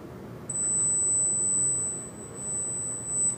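A single steady, piercing high-pitched ringtone test tone, used to check who can hear high frequencies, starts abruptly and holds unbroken for about three seconds before cutting off, over a faint low background hum with no voices.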